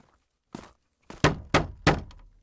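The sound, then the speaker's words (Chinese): Heavy, hollow knocks on a wooden door: one lone thump, a pause, then three louder raps in a steady rhythm, each ringing out briefly. No one speaks. “里面有人吗？来个应门的。”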